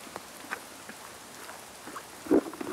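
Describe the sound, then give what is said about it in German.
Steady rain falls with a soft, continuous hiss, joined near the end by a couple of louder bursts of splashing. No one speaks. “Nur bei dem Regenwetter, weil wir sonst nichts anderes machen können.”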